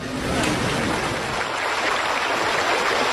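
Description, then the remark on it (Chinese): Steady rushing water from the Dangxi stream, which divides Xiamei village in Wuyishan in two, flows continuously, a broad, even wash of noise with no pauses, moderately loud, with no voices present. “这条将夏梅村一分为二的小溪叫当溪，它原本只是一条自然形成的沟渠，水道十分狭窄，主要用于灌溉两岸的农田。”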